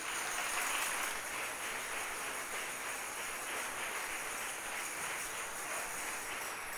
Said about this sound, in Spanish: ¿Cuántos alaban al Señor? Démosle un aplauso al Señor nuestro Dios.